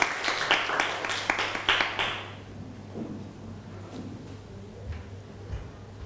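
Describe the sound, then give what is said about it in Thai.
A short burst of applause: many quick, crisp hand claps overlapping for about two seconds, then tapering off abruptly into a quiet, low background hum. Students in a class applaud the representative of the first group, who is invited to the front to answer. “เอาปรบมือให้กับตัวแทนกลุ่มแรกด้วยครับเชิญด้านหน้าเลยครับ”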